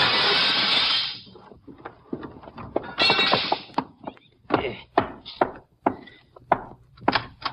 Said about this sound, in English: If he doesn't understand, I reckon he'll just have to sue me for a broken window. I'll knock this one in with my gun, then I'll climb in and let you in through the door.